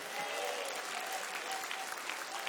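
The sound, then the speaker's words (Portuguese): A church audience claps hands to give glory to God in a dense, steady wash of applause that holds at a strong, even level throughout, with no pauses or distinct individual claps standing out. “Bate palmas, dá glória a Deus.”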